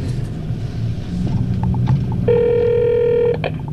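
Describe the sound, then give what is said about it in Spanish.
A telephone rings once, a steady electronic trill lasting about a second, as a call is placed from a coin-operated public telephone at 10 at night, heard after a stretch of low rumbling background noise and a few soft knocks. “Aquí tienes una moneda y ahí hay un teléfono público. Ve a llamar.”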